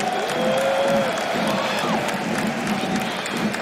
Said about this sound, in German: Und deswegen sagt ja auch der Stadionsprecher. Donnernden Applaus für unser Team, für den SC Paderborn 07.